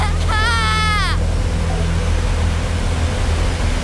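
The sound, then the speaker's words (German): Loud, steady rushing water roars throughout over a weir, a dense unbroken wash of noise, with a brief high wavering cry-like tone near the start. “Und plötzlich bin ich beim Wehr. Ich schaue ins Wasser. Es ist so laut.”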